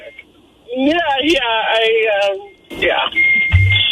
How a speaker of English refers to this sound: What is that beeping? I think the French fries are ready. It doesn't sound like a turning signal.